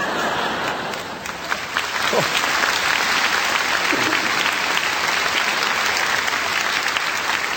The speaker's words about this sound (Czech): Vy se smějete, tleskáte, jenomže vzpomeňte si, co my jsme tady měli.